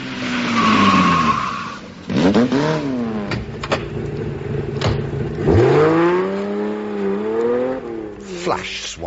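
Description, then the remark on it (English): A voice imitates an outboard motor on roller skates: loud revving drones that swoop up and down, broken by sharp skidding squeals and clicks, running continuously for about nine seconds. “Outboard motor on roller skates.”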